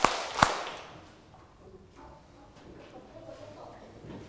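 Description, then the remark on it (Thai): A classroom of students claps three times together in unison at the teacher's instruction, a couple of sharp, loud bursts right at the start, then the room settles into a faint murmur of background voices. “เอาใหม่ค่ะตบมือ3ครั้งทั้งห้องพร้อมยาง3ครั้งพร้อมกันนะคะ1 2 3”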